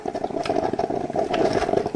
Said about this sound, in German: Ja, das Gluckern der Kaffeemaschine.